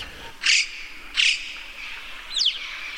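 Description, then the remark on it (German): Two broad, breathy hissing calls from a corvid calling among cliffs, echoing off the rock, followed by a quick rising whistle, over a steady background hiss with no one talking. “Ganz anders als unsere Krähen ist es dann eher so ein Pfeifen und witziges Zischen und andere Laute.”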